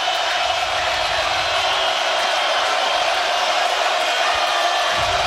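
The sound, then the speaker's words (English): A dense, steady roar from a large baseball stadium crowd at a game involving Nebraska fills the whole stretch, loud and continuous, a wash of cheering and noise with no distinct voices standing out. “I mean, this crowd, wow.”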